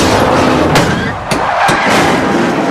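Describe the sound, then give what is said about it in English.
Loud, dense roar of racing engines broken by several sharp crashing impacts as race cars slam into each other, shedding debris, in a huge multiple pileup involving nearly the entire field; metal bangs land in quick, uneven succession. “More cars collide, shedding debris, causing a huge multiple pileup.”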